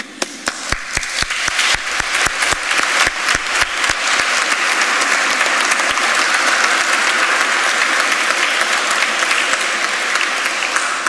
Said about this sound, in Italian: quindi in realtà se questa chiesa si è riaperta è perché c'è un vescovo che ci ha messo la faccia, c'è un segretario generale che ci ha messo il fegato e io che mi sono preso gli applausi, quindi le cose sono un po' diverse.